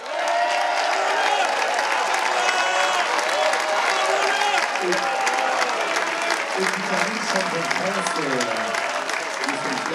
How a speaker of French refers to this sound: Et un grand merci, bien sûr, à la classe mini et aux 90 skippers de cette édition 2023. Vous pouvez vous applaudir et on peut les applaudir.